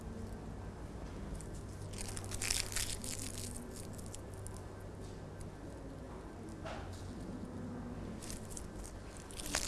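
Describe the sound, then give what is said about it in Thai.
Soft, continuous crinkling and crushing of thin, multicoloured kite paper being scrunched by fingers into small round balls for a paper craft picture, with irregular crackly bursts and no talking. “เราจะใช้กระดาษว่าวของเรานะคะที่มีหลากหลายสีเลยค่ะแล้วก็ใช้นิ้วมือน้อยๆของเรานะคะในการขยำกระดาษว่าวของเราให้เป็นวงกลมเล็กๆค่ะ”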